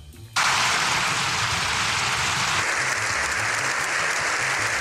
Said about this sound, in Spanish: Siete minutos y dos segundos de aplauso sin interrupción es lo que duró la ovación al Papa tras el discurso. ha sido de récord.